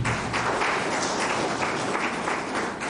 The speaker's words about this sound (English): These are significant achievements. Give them also a round of applause.